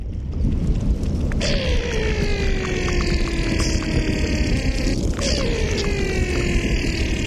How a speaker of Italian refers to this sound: Perché ci sono suoni che sono nascosti nel ghiaccio, che si possono ascoltare con idrofoni, che sono microfoni acquatiche. Volevo guardare un po' di questi suoni.